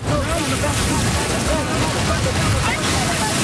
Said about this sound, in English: The waves are small, but perfect for bodyboarding lessons on Lawrencetown Beach.